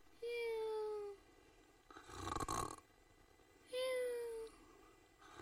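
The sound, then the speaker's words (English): A voice imitates snoring: two drawn-out, falling whistle-like tones separated by a rough, raspy snort in the middle, each lasting about a second, with no spoken words. “He waited so long, he began to snore.”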